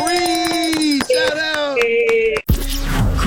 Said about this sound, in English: Y'all clap it up for this woman, entertainment reporter,